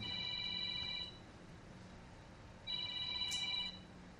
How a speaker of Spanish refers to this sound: Y miren, ya está sonando el número telefónico. A ver, déjenme ver ahora, ¿dónde está el número? Ah, está ya. Tengo que ir por él porque lo estaba cargando. Y si no lo cargo, pues las llamadas no entran.